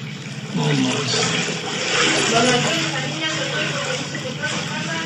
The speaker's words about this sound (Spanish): Oyen cómo caminan por el agua, ¿sí? Ok. Y todo eso es agua de coladera.